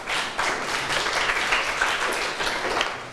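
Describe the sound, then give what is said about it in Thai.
A group of students in a class claps for themselves at their teacher's request, a dense, steady patter of many hands that holds at an even level for a few seconds with no voices over it. “นักเรียนเก่งมากๆปรบมือให้ตัวเองหน่อยค่ะ”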